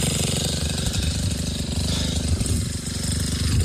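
A bulldozer's heavy diesel engine rumbles steadily and loudly throughout, with a deep, pulsing low-end chug and gritty mechanical clatter as it digs a fire break.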